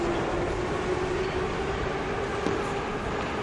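A metro train rumbles steadily and loudly, a dense roar of wheels and motor with a faint whining hum running through it, and no voices.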